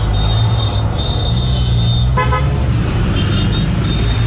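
A city bus pulls in at a bus stop on Jalan Pemuda in Surabaya with a heavy, steady engine rumble and a thin high squeal, then gives one short honk near the middle; the bus takes plastic waste bottles as fare. No one speaks.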